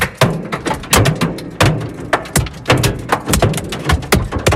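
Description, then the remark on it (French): Hailstones 5 to 7 cm across, falling in a violent thunderstorm at Aubenas in southern Ardèche, France, pound cars' metal and glass, denting bodies and sometimes bursting windscreens, in a dense, irregular barrage of sharp, loud cracks and thuds, some overlapping, with no pause across the whole stretch. “On entend ce bruit impressionnant, la grêle qui se fracasse contre les voitures, cabossées, pare-brise parfois explosé.”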